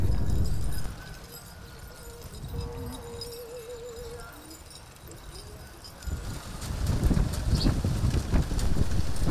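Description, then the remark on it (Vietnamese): Hooves of a horse pulling a cart clip-clop along a familiar road in the Seven Mountains area of Vietnam, with a steady, uneven rhythm, mixed with wind rumble and outdoor ambience, growing louder and busier toward the end. “Đó là cảm xúc được cầm cương, được nghe tiếng gió ngựa vang trên con đường quen thuộc, được sống lại một nhịp đời xưa cũ.”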